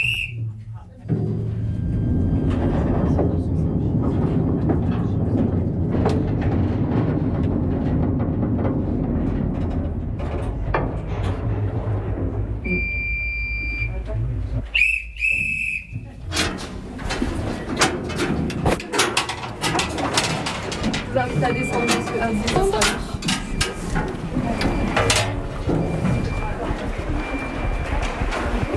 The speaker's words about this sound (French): Dans quelques instants, vous allez pouvoir tous embarquer dans un petit train minier.